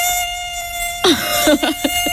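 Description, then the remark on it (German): A mosquito's thin, steady high-pitched whine drones the whole time, joined about halfway through by a few short, sharp bursts of louder noise. “Und sobald man das Licht einschaltet, ist die verdammte Mücke natürlich verschwunden.”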